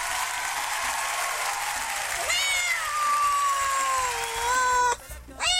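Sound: cat meowing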